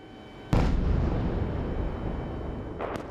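Explosions during a Russian missile and drone attack on Kyiv, Ukraine, met by Ukrainian air defense: a sudden, heavy explosion booms and rolls into a long, rumbling roar that lingers, then a second sharp blast cracks out near the end. No voices are heard.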